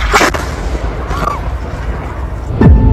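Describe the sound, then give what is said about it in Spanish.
Two heavy explosions from a drone attack bombing, a sharp blast at the start and another near the end, each with a deep booming rumble, over a constant low roar of background noise. “Viene un dron. Está cerca. Nos están atacando.”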